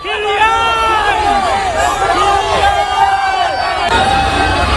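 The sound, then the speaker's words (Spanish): A crowd cheers and shouts steadily, many overlapping voices rising and falling in excited whoops and chants, loud and continuous throughout, greeting footballer Mbappé's arrival in Boston with the France team. “Así suena la llegada de Mbappé a Boston.”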